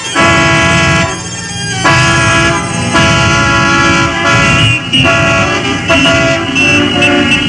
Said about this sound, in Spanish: Háganse las grandes carreteras y circulen por ellas los Mercedes y los Cadillac, los Chrysler y los Mustang y todas las especies de automóviles y de ruidosas motocicletas y todo lo que se mueva sobre ruedas.